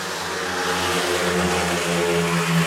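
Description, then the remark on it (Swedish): Speedway motorcycles in the fourth heat roar steadily and loudly as the riders pass for the first time at 3-3, Rowan Tungate and Thomas H. Jonasson dueling for last place: a dense mid-pitched whine with sustained harmonic tones that swell slightly as the bikes pass, with no voices. “Och just nu pågår det fjärde och det är ett 3-3-läge när förarna passerar mig första gången.”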